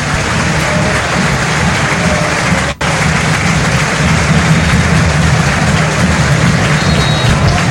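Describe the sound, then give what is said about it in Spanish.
A huge stadium crowd at La Bombonera roars in a sustained, dense ovation for Boca player Velasco as he leaves the pitch, loud and unbroken apart from a split-second dropout partway through, with cheering and clapping blending into a steady wall of noise. “Escuchen a la Bombonera, la primera gran ovación desde que llegó a Boca para Velasco.”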